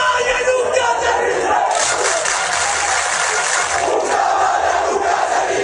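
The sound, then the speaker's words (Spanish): A large crowd of Ceuta residents demonstrating on Trampolín beach in Ceuta shouts together in a loud, continuous roar of many voices, chanting "Una caballa nunca se rinde" ("A caballa never gives up"), the chanting blending into a dense wall of sound that stays steady throughout. “Este altercado coincidió con una manifestación por un grupo de ceutíes que accedió a la playa del Trampolín al grito de «Una caballa nunca se rinde».”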